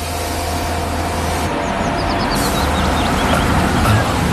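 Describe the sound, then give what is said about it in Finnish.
Steady, loud rumble of a brand-new car on the move, a continuous low drone of engine and road noise, with a few faint bird chirps briefly audible in the background. “Onko toi ihan uusi auto?”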